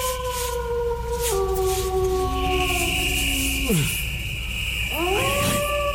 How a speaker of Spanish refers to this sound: ¿Quién anda ahí? Coño, tal parece que ese coyote anda muy cerca y yo aquí sin poder coger la carabina.